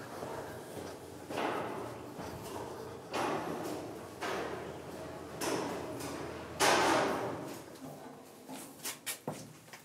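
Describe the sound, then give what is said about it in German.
A heavy metal pressure-resistant door, built to withstand pressure if water breaks in down below, is hauled open underground with repeated grinding scrapes and dull clunks, rising to a loud surge of noise and ending in a few quick knocks. “Die Türen, die müssen den Druck standhalten, wenn hier unten irgendwo Wasser einbricht.”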